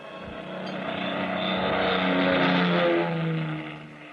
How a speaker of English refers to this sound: It was 11:30 p.m. when the big plane slowly glided down out of the clear starlit sky.